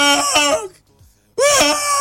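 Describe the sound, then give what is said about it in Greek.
A man cries and sobs loudly in two drawn-out wailing bursts separated by a brief gasping pause, with no talking alongside. “Άκου το κλάμα.”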